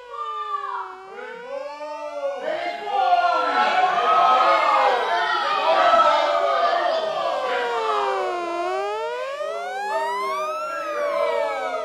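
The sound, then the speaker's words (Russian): Several sirens wail at once on a street in New York, about 300 paces from a station, their overlapping tones sweeping up and down continuously for about twelve seconds, loud and steady with no pauses. “Я вышел из повозки, но не отошел я от станции на 300 шагов, как сирена.”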